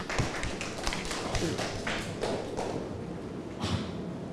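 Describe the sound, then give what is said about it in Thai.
A group of students in a classroom claps together for a group of classmates who presented their answers, in a burst of scattered, overlapping applause that stays fairly steady for a few seconds before tapering off, with faint murmuring voices underneath. “ปรบมือให้เพื่อนกลุ่มนี้ค่ะ”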